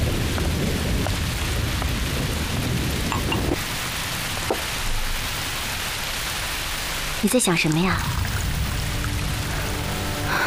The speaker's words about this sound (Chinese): 我在想，燕双鹰被全城通缉，又遭遇这么大的雷雨，今天夜里也不知道他会住在哪儿。